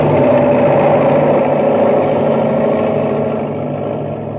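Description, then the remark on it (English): A huge six-wheeled drilling machine roars down upon people, its heavy engine grinding out a loud, steady rumble with a low droning hum that eases off slightly toward the end. No voices. “And now, as Buzz tries to pull Happy free, the enormous driller roars down upon them.”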